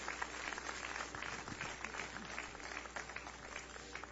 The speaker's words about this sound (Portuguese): Podem tomar os seus lugares e exaltem o nome do Senhor Jesus com as suas palmas. Glória a Deus.